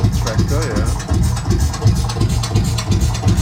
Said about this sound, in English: Sure, so that's the Lanz Bulldog. The tractor.